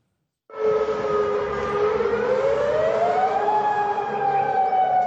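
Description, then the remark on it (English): An air raid warning siren in Jordan wails loud and steady, its tone rising slowly in pitch after a sudden start, with a hum of other sirens layered underneath and no voices; warning sirens sound throughout the country as air defences intercept Iranian missiles. “Within the past few hours, Jordan says its air defences intercepted at least 8 Iranian missiles, with warning sirens sounding throughout the country.”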